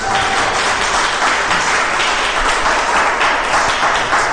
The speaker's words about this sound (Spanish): De ese aplauso poderoso a Jesús.